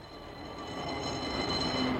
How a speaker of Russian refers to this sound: Что говорит тебе, мой слушатель, этот бегущий трамвайный вагон? Дрогнуло ли твое сердце, когда ты услышал его не среди шумной уличной симфонии, а так вот одиноким и неожиданно громким?